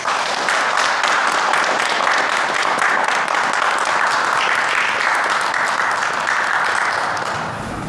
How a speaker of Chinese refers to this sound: 现在我建议老学员以掌声欢迎新学员。